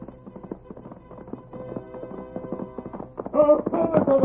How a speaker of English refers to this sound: Look, there he comes. He's riding back. Look at that horse come. Look at the Lone Ranger ride.